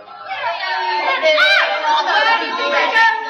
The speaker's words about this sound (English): Women were yelling and shrieking and fighting and spitting. They hardly seemed human.